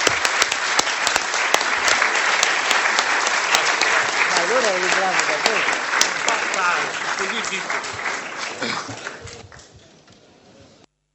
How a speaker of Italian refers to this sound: dobbiamo chiudere questa bella conversazione, conferenza, discussione con un applauso al professor Irti e ringraziamento